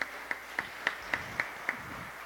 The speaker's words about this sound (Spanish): Y cuánto le damos un gran aplauso al Señor. Amén.